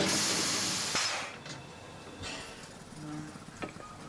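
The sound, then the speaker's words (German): A historic steam locomotive, the Molly, just arrived from Bad Doberan, releases a loud, broad hiss of steam that fades after about a second, followed by quieter intermittent hissing bursts and a faint low tonal hum. “Die historische Dampflok kommt gerade aus Bad Doberan.”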